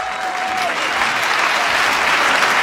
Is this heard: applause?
yes